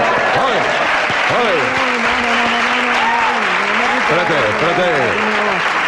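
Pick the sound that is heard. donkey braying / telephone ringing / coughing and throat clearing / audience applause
audience applause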